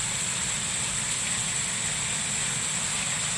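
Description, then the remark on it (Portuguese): Heavy rain, falling suddenly after overcast weather in Caponguinha, pours down in a steady, dense hiss that never lets up, with a low rumbling layer underneath and no voices. “Do tempo nublado, de uma hora para outra uma chuva grossa, maravilhosa. Olha aí.”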